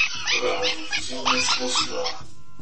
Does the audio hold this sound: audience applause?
no